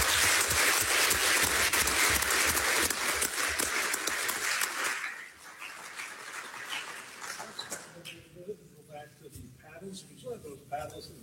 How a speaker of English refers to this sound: Could we have a round of applause for our four candidates?